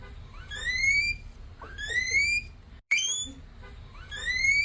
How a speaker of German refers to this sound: Das klingt wie eine Autoalarmanlage. Nein, es ist trotzdem ein Meerschweinchen. Es ist kein Meerschweinchen. Es ist ein Meerschweinchen, ja.